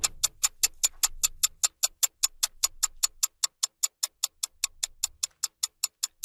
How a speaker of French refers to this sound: Tic-tac-tic-tac-tic-tac-tic-tac-tic-tac. Le temps file.